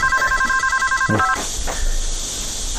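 A telephone rings with an incoming call from a cousin, in a quick, warbling burst of electronic trills for just over a second, then cuts off, leaving a faint background hum with a brief voice-like murmur.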